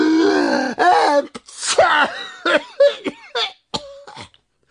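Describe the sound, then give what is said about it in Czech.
A voice imitates two bumblebee brothers sneezing at once after dust tickles their noses: a string of breathy gasps and wheezy inhales building up, then a run of sharp, bursting sneezes, fairly loud, with no other talk. “Jakmile je totiž ten prach zašimral v nose, oba bráškové naráz kýchli.”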